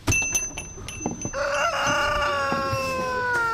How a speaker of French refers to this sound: On est carrément entouré par une dizaine d'énormes poules maintenant qui viennent vers nous. Elles ont pas peur, en tout cas.